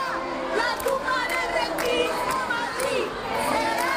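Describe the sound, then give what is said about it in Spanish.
A large crowd boos and jeers loudly and without pause as Ayuso finishes a speech at a real estate congress, while activists throw pamphlets and stink bombs; many voices overlap into a steady roar with rising and falling shouts throughout. “Entre abucheos, un grupo de activistas le lanzó panfletos y hasta bombas fétidas.”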